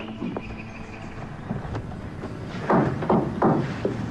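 About four firm knocks on a door land in an even rhythm after a quieter stretch, each a short dull thud over a steady low background hiss.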